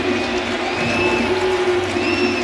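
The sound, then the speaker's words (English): A steady roar of a large baseball stadium crowd cheering pitcher Cole as he faces Altuve, dense and continuous for a couple of seconds, with scattered whistles rising above the wash of voices and no clear speech. “And the crowd turned on by it.”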